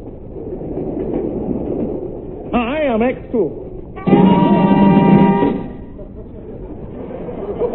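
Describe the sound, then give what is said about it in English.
A train to London rumbles steadily along the rails, its clatter continuous throughout, interrupted by a warbling whistle and then a loud, sustained horn blast before the rolling noise carries on. “I'd hardly got on board the train to London when I had the uneasy feeling I was being watched.”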